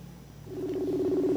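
A cellphone dialing tone comes in after a brief quiet moment: one steady electronic tone, fairly loud, holding unbroken until the end with no talking.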